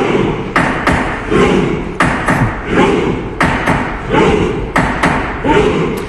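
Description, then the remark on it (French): Members of the Norwegian parliament thump loudly in unison, pretending to be rowers, in a steady rowing rhythm of heavy paired thuds roughly every second, with a murmur of voices underneath. “Alors, ce bruit, c'est pas un marteau. Ce sont en fait les parlementaires de Norvège qui s'amusent à faire les rameurs.”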